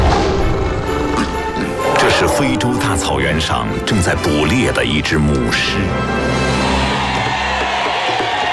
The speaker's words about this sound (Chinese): 这是一群正向斯堪的纳维亚半岛迁徙的灰雁。